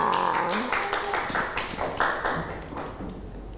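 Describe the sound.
A small group claps for a few seconds, a scattered burst of hand claps that thins out, with children's voices and chatter mixed in.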